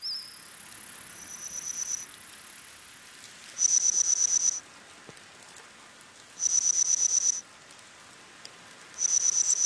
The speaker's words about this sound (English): You're listening to the reconstructed chirps and cheeps of some of the ancient insects you might hear in a Jurassic forest. by analyzing insect fossils, studying current insect vocalizations, and using AI to extrapolate how ancient wings might sound